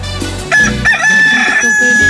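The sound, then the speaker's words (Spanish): A rooster crows loudly, one long drawn-out cock-a-doodle-doo with a strained, rising call over a low background hum. “Ahí está mi gallo cantándole con todo el cariño del mundo.”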